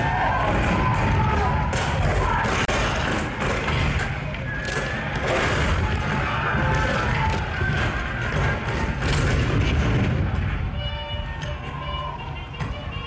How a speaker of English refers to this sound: April 12, 1861, Fort Sumter. The cannon spoke for war. Bitter, violent, and devastating.